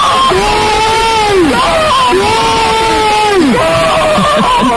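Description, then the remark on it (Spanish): Zaragoza football fans loudly cheering and screaming after a goal: three long, sustained yells in a row, each rising and then dropping off, over a dense wash of crowd noise. “También podría ser yo gritando. O sea, cambia tu vida y la de todos los aficionados de Zaragoza.”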